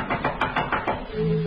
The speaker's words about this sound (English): someone knocked at the front door. It was late.